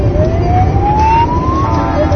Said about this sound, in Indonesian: Di dalam mobil kita butuh konsentrasi. Kalau ada bunyi sirene kendaraan lain yang mau lewat, nanti tidak kedengeran.